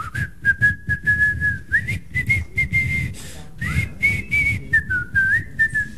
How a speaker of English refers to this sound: They could tell when Omar's coming due to people shouting, "Omar's coming," and also because they could hear him whistling what tune? Is it The Farmer in the Dell?